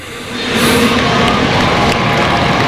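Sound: crowd applauding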